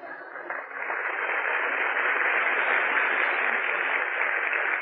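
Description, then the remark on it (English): Audience applause on the Breakfast at Sardi's program swells within the first second, then holds as a steady, dense wash of clapping for several seconds, with a thin, band-limited tone like a broadcast recording and no voices. “Well, go on, applaud.”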